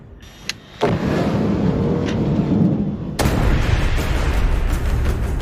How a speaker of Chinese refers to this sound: 看着爆炸时巨大的火球，我都有点后怕了。